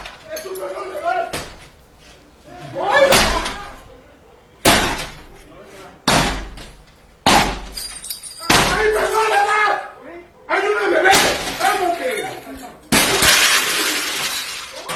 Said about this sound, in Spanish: En las imágenes se observa a dos sujetos con capuchas y armas largas tirar la puerta del acceso de la vivienda ubicada en el municipio de Nanchital. Esto es al sur del estado de Veracruz,